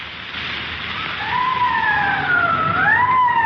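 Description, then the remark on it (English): A police car siren wails, rising and falling in long sweeps over a steady hiss, growing a little louder, with no voices. The car is running Code 3, with red light and siren, on a call to a holdup and shooting at Hooper and Esperanza. “Code 3, that means red light and siren.”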